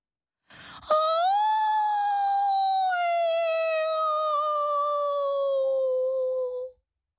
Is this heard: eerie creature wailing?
yes